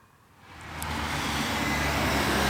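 Steady roadside traffic noise at a local bus stop on Staneta Žagarja street, a main traffic artery in Kranj, Slovenia, at 6:22 in the morning, with a vehicle approaching and swelling louder, a broad engine and tyre rumble filling the scene; no one speaks.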